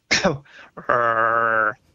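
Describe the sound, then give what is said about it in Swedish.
A man imitates a monkey call: a short, rough cough-like bark, a brief pause, then a loud sustained roaring howl lasting almost a second. “hur apan låter, det illustrerar han själv. Det är som en hostning och sen ett brölande.”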